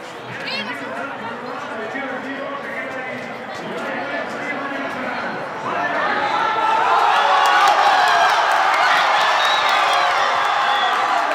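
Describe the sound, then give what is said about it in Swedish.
A large crowd at Plaza de Colón in Madrid, Spain, roars and cheers celebrating Spain's World Cup final win over Argentina, a dense wash of voices that swells louder about halfway through and stays loud, with whistles and shouts rising above the din. “Segerjubel naturligtvis i Madrid.”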